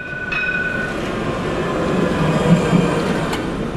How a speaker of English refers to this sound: Barcelona tram, a decidedly older version than today's.